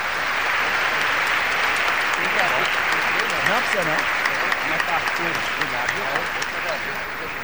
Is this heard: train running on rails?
no